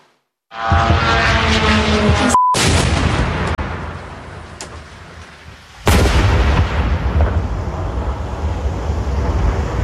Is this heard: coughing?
no